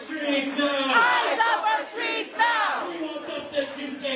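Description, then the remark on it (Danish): A large crowd of protesters shouts and chants together on the street in the Bronx, New York, USA, many raised voices overlapping in a loud, steady roar with rhythmic swells that rise and fall throughout. “Det har skabt protester i New York i USA, at ICE-agenter sent i aftes dansk tid skød og sårede en mand, mens han sad i sin bil.”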